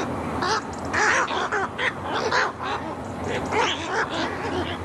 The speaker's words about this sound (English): It's the croaking kark of the Egretta gazetta.